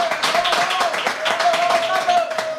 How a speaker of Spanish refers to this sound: Es que tenemos público. Esto no lo sabéis los que estáis escuchando, pero hay gente a ver. ¡Venga, aplausos! Ahí va, muy bien, muy bien.